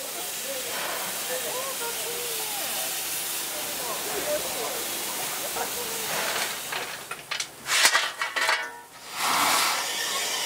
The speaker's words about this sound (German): Die Abfahrt einer Dampflok ist in Japan durchaus ein Spektakel. Denn es gibt nur noch wenig erhaltene und vor allem betriebsfähige Maschinen.